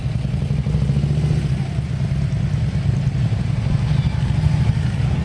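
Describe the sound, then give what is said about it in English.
A group of motorcycles from the motorcycle community arrives in Shanksville, deep engine growls layered together with some revving and mechanical clatter, continuous and fairly loud throughout, with no talking. “Gotta love it when the motorcycle community arrives, and they must have been mustering up at the Tower of Voices”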